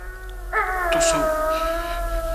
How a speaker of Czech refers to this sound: To jsou ti vlci. Jenom vlci.